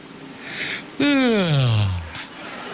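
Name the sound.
yawn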